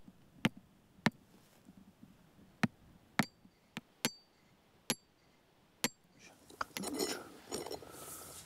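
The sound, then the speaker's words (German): Sharp metallic taps from a small hammer driving a soil-sampling probe into a peat meadow strike at irregular intervals, about ten distinct clinks, followed by a rougher scraping, clattering burst near the end. “Wenn nicht, aber ob der kleine Hammer reicht, wissen wir jetzt noch nicht.”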